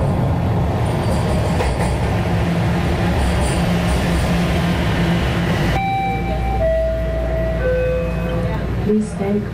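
A subway train roars through a TTC transit station with a loud, steady rumble, then the roar cuts to a low hum as high electric motor whines and tones step and glide in pitch.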